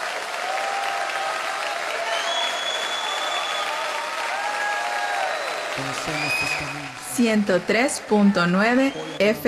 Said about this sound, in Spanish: Vamos a darle un buen aplauso al Señor, ¿eh?